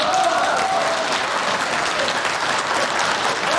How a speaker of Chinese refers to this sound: 接下来我们就要进行一个非常重要的仪式，那就是抓周。下面让我们掌声有请